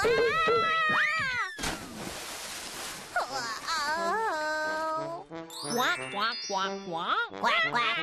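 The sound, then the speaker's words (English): A duck quacks several times in a quick, uneven series. The calls are loud and nasal, coming after a brief burst of noisy rushing sound near the start. “Quack, quack, quack, quack, quack, quack.”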